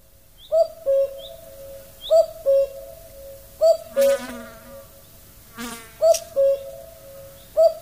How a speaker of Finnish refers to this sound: Käen ääni on tarpeeksi hempeä juuri näin heränneenä. Ajattelen, että kuulenko omiani. Et kuule. Pannaan tuota vähän tuonne taustalla.